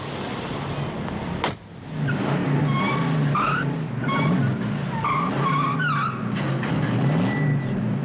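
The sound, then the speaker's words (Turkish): A car engine revs loudly and continuously while tires squeal and skid in repeated high-pitched bursts, like aggressive driving, with a sharp thump early on. “Peki bu arabayı kullanabilir misin? Tabii kullanırım.”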